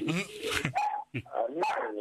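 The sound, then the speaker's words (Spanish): Female dogs bark in several sharp, loud bursts, with a short pause between volleys and some yipping mixed in; a voice can be heard alongside the barking. “Perdón a las perras, pero se pone el otro.”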